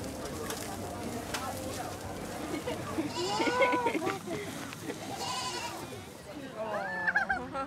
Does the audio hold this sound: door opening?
no